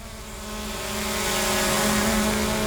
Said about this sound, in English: While Western Power is flying drones to inspect the lines